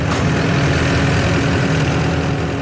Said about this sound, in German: fährt eine Maschine, die aussieht wie eine Mischung aus Traktor, über grossem Rasenmäher, Putzmaschine und Vollernter für Herdöpfel. Die Maschine fräst 2 cm dicke Rasenbahnen ab.